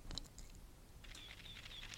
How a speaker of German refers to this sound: auch das Geräusch, wenn eine Kamera Klick macht. Das ist heute nicht mehr so sehr verbreitet. Das ging ungefähr dann so.